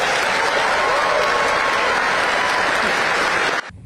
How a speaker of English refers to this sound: Yeah, did you hear that? And I was struck by this at the time when I carried it on my show earlier on. The loudest cheer of the entire Labour Party conference so far was in support of women from Palestine and women from Afghanistan.